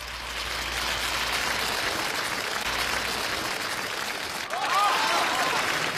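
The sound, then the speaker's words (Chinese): Dense, steady applause from an audience welcoming a xiangsheng (crosstalk) comedy performance fills the whole stretch, a continuous crackling wash of many clapping hands that swells slightly louder toward the end, with no voices over it. “感谢大伙把这么热烈的掌声给了我一个人”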